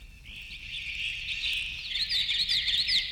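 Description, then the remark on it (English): Bird song slowed down to double or triple its duration and lowered in pitch by one or two octaves: a steady, dense warbling wash that swells slightly, with distinct drawn-out chirping phrases emerging near the end. No voices. “to this semi-real darkness of a world transformed, an oral world where duration is doubled or tripled, and where pitch, the precise pitch of a note, of any note, of all notes, is halved or quartered, an octave at a time.”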